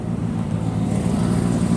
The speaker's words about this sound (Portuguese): Esse roncar dos motores é que atrapalha um pouco.